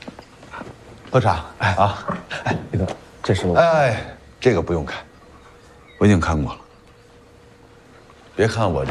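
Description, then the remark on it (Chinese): A dog, just back from a walk in the suburbs, whimpers and gives a few short barks in separate bursts, with people talking over and between the sounds. “我们家老爷啊，每周三下午都会去郊区遛狗，玩的尽兴的话，可能就晚了一会儿。”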